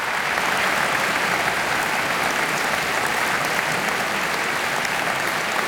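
A large audience applauds warmly and steadily, a dense wash of clapping hands that stays loud and even throughout, with no voices rising above it.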